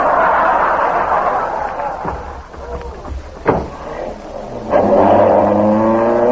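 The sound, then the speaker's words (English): An ambulance engine roars steadily as the vehicle drives, with a brief thump midway, then revs up loudly with a rising, droning whine near the end. “Stop the ambulance.”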